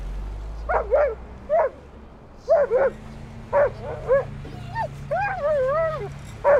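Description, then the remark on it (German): A dog barks in an alert, a string of short, sharp barks in uneven bursts, mixed with a few higher, whining yelps near the end, over a low steady hum. “Sie schlägt an.”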